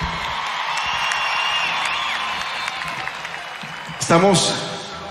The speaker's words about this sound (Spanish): Me acompaña a mi lado, como siempre, un aplauso grande para John Harmy Ubaque, D'Artagnan, en la guitarra.